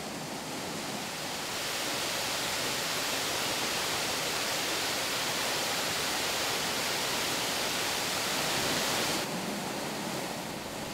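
waterfall rushing

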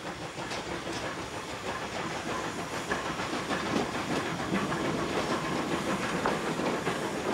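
steam locomotive hissing steam

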